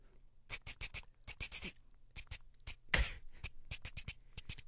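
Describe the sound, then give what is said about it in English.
Sharp mechanical clacks of typewriter keys struck in quick bursts, with a louder, longer clatter midway before the irregular tapping resumes. Fairly crisp, with no voices. “the first one that you just heard now was? Typing. Number one, …, is? On a typewriter”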